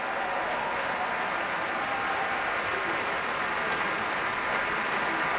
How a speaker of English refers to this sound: Damari McGill back out on stage now, and much applause from the crowd here at Davies Symphony Hall and from the members of the San Francisco Symphony.